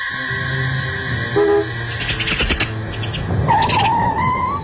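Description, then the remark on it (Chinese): A car engine rumbles as the vehicle rolls in and pulls up in front of a single-staff dormitory building, followed by a rising, high-pitched brake squeal as it comes to a stop. No one speaks. “这时一辆汽车停在单身宿舍楼前，两个人都忍不住转过头去。”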